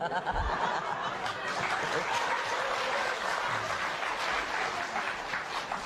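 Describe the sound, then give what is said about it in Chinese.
An audience claps steadily and densely for about six seconds, a loud crackling wash of applause mixed with scattered laughter and chuckles. “哎，鼓什么掌啊？鼓什么掌？”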